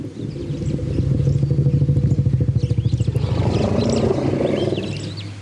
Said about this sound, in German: Forschende von der Colorado State Universität haben gerade in Bezug auf Elefanten erstaunliche Entdeckungen gemacht. Hier ruft ein Elefant einen anderen beim Namen.